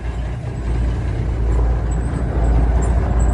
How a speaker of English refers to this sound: That's a semi-truck.